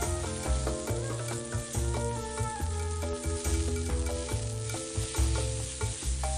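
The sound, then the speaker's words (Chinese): Rushan cheese sizzles steadily as it roasts flat on a stove over a low fire, held by a wooden skewer and pressed with a wooden stick, a continuous crackling hiss running through the whole clip beneath a rhythmic musical backing with a pulsing low beat and sustained tones. “平铺在炉子上，小火慢烤，木签固定一端，木棒按压，使乳扇均匀受热，逐渐软化。当一面冒出气泡，微微发皱时”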